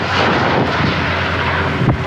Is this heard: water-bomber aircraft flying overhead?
yes